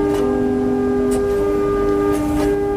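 A damaged organ pipe sounds one steady, breathy tone that holds unbroken for about three seconds, loud and close, with a rough, airy hiss around the note and no voices.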